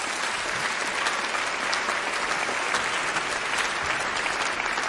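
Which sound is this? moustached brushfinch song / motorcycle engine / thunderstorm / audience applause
audience applause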